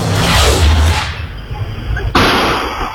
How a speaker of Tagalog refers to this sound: Umlingaw-ngaw ang putok ng baril sa Apolinario Mabini Street sa Pasig City Linggo ng umaga. Nagpulasa ng mga motorista.